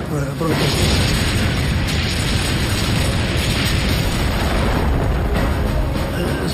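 A Soviet Katyusha rocket artillery barrage, fired at German forces, thunders without pause: dense, overlapping explosions merge into a loud, continuous low roar and rumble that fills the whole stretch, with no quiet gaps between blasts, the ground shaking as in an earthquake.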